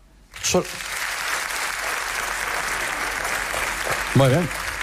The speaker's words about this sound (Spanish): Para el siguiente tema nos gustaría hacer un sondeo. ¿Podría aplaudir solamente la gente que sea autónoma?